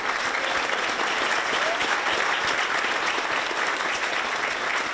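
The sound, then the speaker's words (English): Staff at Number 10 clapping in sustained, dense applause as Andy Burnham arrives as the new Prime Minister, loud and steady throughout without pause, the many overlapping claps blending into a continuous roar. “But once the clapping stopped, it was in the other Number 10 in Manchester, where we sat down with the Prime Minister finally to talk about challenges at home and relationships abroad.”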